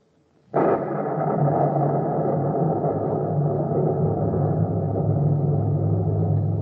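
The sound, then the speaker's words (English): Deep rolling rumble of thunder from a storm at night bursts in suddenly after a brief hush, then sustains loud and heavy, a dense low roar that barely fades over several seconds. “Soul, in the thunder of the night, why do you weep?”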